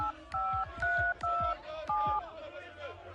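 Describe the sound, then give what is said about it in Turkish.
A phone keypad beeps through a quick series of dialing tones as someone dials to call people, each a short steady dual-pitched chirp, about five in a row, clear, with faint background murmur. “Bir de ben arayayım bakayım şunları.”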